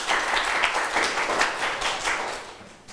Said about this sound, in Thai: ใครอยากตอบปรบมือให้เพื่อนหน่อยค่ะ